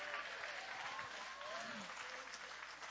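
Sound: audience clapping hands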